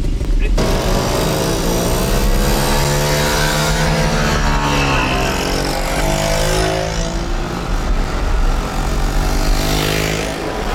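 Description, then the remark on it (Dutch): A group of Batavus mopeds revving and pulling away together on a group ride through Friesland, slow mopeds at the front, their buzzing two-stroke engines rising and falling in pitch, loud at first, with no one talking over them. “Dus de langzame brommers blijven mooi voorin rijden.”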